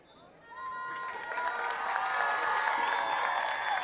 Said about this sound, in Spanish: Bueno, esa es la presentación. Y el público le da su merecido recompenso a través de lo que son los aplausos, ¿verdad? El público agradece la presentación.